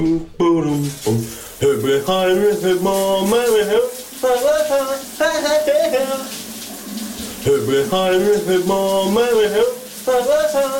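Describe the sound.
A man sings a melodic tune in sustained, wavering phrases over the steady hiss of a running shower, the water noise constant beneath his voice.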